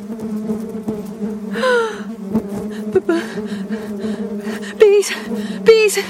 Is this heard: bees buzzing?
yes